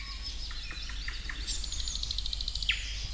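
Eurasian nuthatch calling at Siikalahti in Parikkala, Finland: a few scattered high chirps, then a quick, even series of piping notes ending in a sharp downward-slurred call, over a steady low background rumble.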